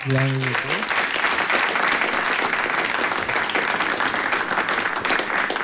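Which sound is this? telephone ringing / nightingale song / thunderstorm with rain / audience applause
audience applause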